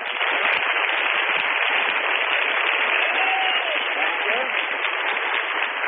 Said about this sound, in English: We take applause.